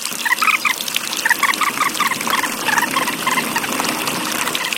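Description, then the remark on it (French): Water pours and splashes steadily into barrels on an island, a continuous rush, while small birds chirp in short bursts in the background. No voices. “De l'eau ! De l'eau ! Remplissez vite les tonneaux !”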